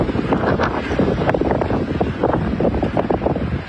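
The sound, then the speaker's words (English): Strong wind from a dust storm roars and buffets steadily: a dense, rushing noise with gusty surges and rumbling bursts across the whole clip, with no voices. “Wonder how many people had earaches yesterday after that wind and the dust storm.”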